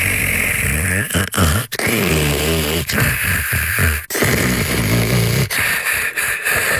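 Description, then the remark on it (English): Loud, raspy snoring, a continuous rumbling drone broken by a few brief gaps and snorting catches, lasting about 8 seconds, with no one talking. “Now imagine a Leva Sleep adjustable bed with anti-snore mode that lets you switch to better your sleep when you better your bed.”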